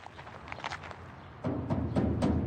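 Several dull knocks or thuds land against a heavy metal gate of a high-walled compound, with shuffling footsteps; the sounds grow louder and boomier halfway through, with no voices present.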